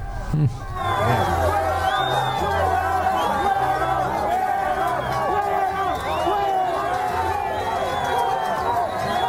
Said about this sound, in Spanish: Oiga eso, vea. ¿Qué tal, no? Como gritan Petro.